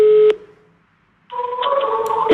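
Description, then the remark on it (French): Telephone tones from a call being placed at a senior information office that phones elderly people over 80, some calls going unanswered: a short electronic beep, a second of silence, then a steadier run of dialing or busy-line tones, clear, with no one speaking. “Devant son téléphone, les appels se succèdent, parfois infructueux”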